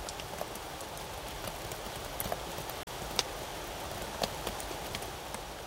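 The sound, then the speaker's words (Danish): Steady rain hisses across a wide area over Rio de Janeiro, Brazil, with scattered sharper drips and taps from hard surfaces. No voices, just an even, continuous downpour with a brief dropout midway. “En begyndelse, der starter til lyden af regn over Rio de Janeiro.”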